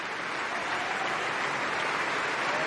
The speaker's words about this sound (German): Und jetzt bedankt sie sich auch nochmal beim Orchester und vor allem bei ihrem Solisten. Hören Sie kurz den Applaus.